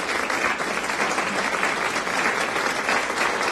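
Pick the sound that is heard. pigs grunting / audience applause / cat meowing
audience applause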